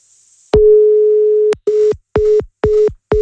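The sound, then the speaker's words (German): A telephone call tone as a caller is redialed and does not answer: one long steady beep, then a run of shorter evenly spaced beeps at the same pitch, clear, with no voices. “Jetzt geht er nicht dran. Vielleicht war es der Akku von seinem Handy, vielleicht war ich es gar nicht.”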